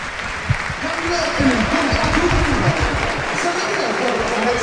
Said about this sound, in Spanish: Pues se retira. Escuchad la ovación que recibe Víctor Sánchez de su público.